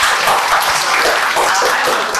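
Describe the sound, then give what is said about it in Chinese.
A group bursts into applause for another group that has just presented, a dense, steady wash of many hands clapping at once, loud and sustained for a couple of seconds without a clear rhythm. “嗯， 很好，掌声送给他们。”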